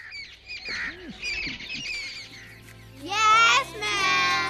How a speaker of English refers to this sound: I listen to the sweet chirping of birds.